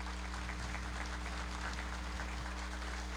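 A round of applause from the parish community of Ipubi welcoming a visiting priest from the parish of São Francisco in Exu, Pernambuco: dense steady clapping that holds at an even level for the whole few seconds, with a low constant hum underneath and no voices.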